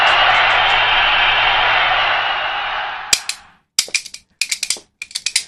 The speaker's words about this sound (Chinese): 来，我们也是把热烈的掌声送给他们，听听他们这段快板表演。